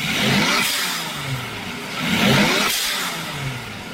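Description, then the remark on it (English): A turbocharged car engine revs hard twice, each climb ending in a sharp hissing whoosh of a blow-off valve venting, loud with no voices. “Are there less blow-off valves around nowadays? You know the blow-off valve, this thing?”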